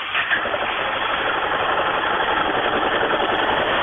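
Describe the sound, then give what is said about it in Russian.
A Yamaha motorcycle engine runs steadily at idle, a continuous rumble with a fast, even mechanical chatter that holds at the same loudness throughout, with no voices. “Вот послушай сам еще раз Ямаху, вот сейчас послушай.”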